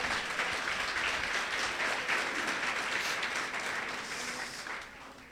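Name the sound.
audience applause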